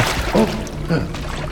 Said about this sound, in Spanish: Agua. Agua. Sí, agua.